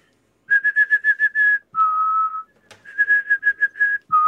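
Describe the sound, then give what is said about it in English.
A person whistles an imitation of the song of the yellowhammer, a bright gold hedgerow bird, whose song has the famous mnemonic 'a little bit of bread and no cheese': a quick run of about eight short, even notes ending in a long, lower held note, performed twice with no talking. “It may be the yellowhammer you're thinking of.”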